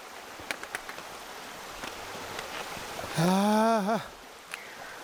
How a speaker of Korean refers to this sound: 아, 정말 좋습니다. 물소리 들리고. 와, 시원합니다. 시원합니다.